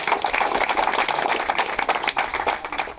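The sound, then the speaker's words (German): A crowd applauds steadily for school students from Bad Düben, Germany, who collected donations for the Bergschiffmühle ship mill. Dense overlapping claps form a continuous crackling wash at an even, fairly loud level for the whole stretch, with no speech over it. “Das ist doch mal ein Applaus wert.”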